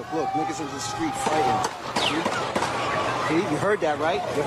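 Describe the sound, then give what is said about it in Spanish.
Several sharp gunshots crack out at irregular intervals in Times Square, New York, during street celebrations of a Knicks victory, ringing over a dense crowd of voices and shouting that continues throughout. “Podemos escuchar el sonido de los disparos.”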